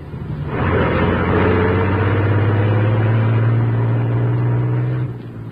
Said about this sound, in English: As the huge truck rumbled out from the alley, the squad car carrying Moran with Lowry and Axford approached from the main street.